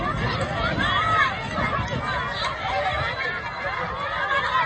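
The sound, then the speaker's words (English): Dense crowd chatter from many overlapping voices at the 10th annual Rams run, a school fun run at Crystal River Elementary in Carbondale: a steady outdoor hubbub with scattered higher-pitched children's calls and occasional laughter rising through the babble. “Sounds from the Rams run at Crystal River Elementary in Carbondale.”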